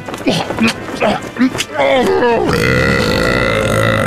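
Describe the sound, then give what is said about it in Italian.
Strained, pitch-bending vocal groans give way to a loud, sustained, raspy blast of violent flatulence from intestinal gas, caused by eating very large amounts of fibre and legumes, that holds steady for over a second and a half. “È tardi ormai, il signor ladro puttano detto Ciucciacaz muore fra atroci strappi anali dovuti ai gas intestinali che fuoriescono violentissimi per colpa dell'ingestione di abbondantissime dosi di fibre e legumi.”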